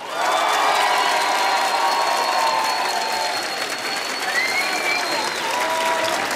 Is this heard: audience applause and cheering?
yes